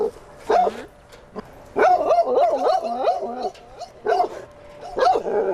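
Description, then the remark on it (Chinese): A dog barks repeatedly, loud harsh yelps in irregular bursts with short pauses, a quick flurry of barks in the middle and a few whiny, whimpering tones mixed in. “那对于有些狗狗来说，他就会产生一些行为上的问题，他可能会吠叫。”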